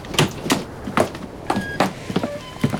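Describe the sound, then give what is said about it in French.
A pump being worked by people who keep pumping squeaks repeatedly in a steady, rhythmic cycle, each stroke giving a short creaking grind like an ungreased wheel, clear, with no voices. “C'est la pompe qui fait ce bruit-là.”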